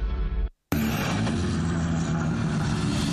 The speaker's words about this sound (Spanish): Se encienden los motores en la radio oficial del Rally Mundial.